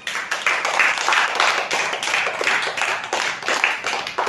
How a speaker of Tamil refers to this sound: ரெண்டு பாட்டு அடுத்தடுத்து பாடிங்க பார்த்தீங்களா, இந்த பாட்டுக்காக ஒரு கைத்தட்டு கொடுத்துலாமா?